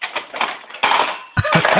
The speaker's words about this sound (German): Und dann holst du alle von den Gabeln raus und lässt sie nochmal in die Lade reinplumpsen. Das wollen wir voll laut hören.